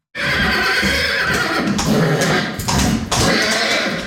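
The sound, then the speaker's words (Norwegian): A Norwegian fjord horse stallion at a fjord horse centre in Nordfjordeid, Norway, excited by the smell of a mare in heat during semen collection, neighs loudly: a sustained, strained whinny lasting about four seconds, broken by a few brief catches in breath, with no talking. “Lukta av ei brunstig hoppe alt som skal til for å begeistre hingsten.”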